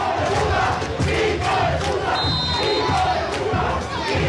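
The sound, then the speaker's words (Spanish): A large stadium crowd of Nacional football fans in the preferencia stand chants loudly in a steady, rhythmic pattern, protesting the plays, voices swelling together in angry, insistent waves with scattered shouts and whistles over the dense roar. “Exactamente, muy elocuente el público de Nacional, principalmente el de preferencia, que se hace sentir definitivamente.”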